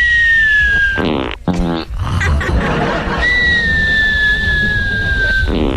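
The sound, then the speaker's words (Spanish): A string of comic fart noises: a long squeaky whistle, a few quick buzzy blasts, then another drawn-out high squeal that slowly falls in pitch, fairly loud throughout. “por atrás también roncas, no te hagas.”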